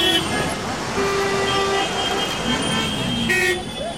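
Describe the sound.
Dense street traffic in front of the large railway station in New Delhi, India, with several car horns tooting and honking over a steady engine rumble, busy, with indistinct voices mixed into the crowded roadway noise.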